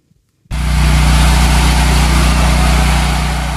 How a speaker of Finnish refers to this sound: Sähkögeneraattorin hurina. Tuttu ääni Kuuban pääkaupungissa Havannassa.